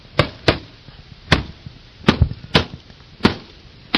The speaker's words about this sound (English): I said, I'm hearing explosions over here off of Melissa Place.